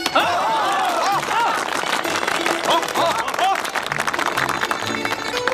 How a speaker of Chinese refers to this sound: 鼓掌。